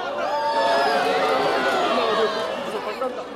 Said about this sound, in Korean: 거대한 화염과 연기를 내뿜으며 하늘로 출발한 누리호. 누리호의 비행을 보기 위해 모인 관람객들도 환호했습니다.